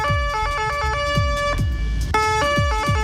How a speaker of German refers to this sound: Und Leute, ich möchte eigentlich nur über eine Sirene reden, und zwar die von unseren Freunden aus Österreich.